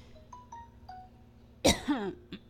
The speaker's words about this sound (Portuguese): Perdão aí, né? Aqueles pigarros na garganta.